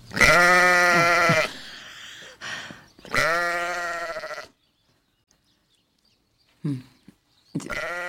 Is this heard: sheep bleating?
yes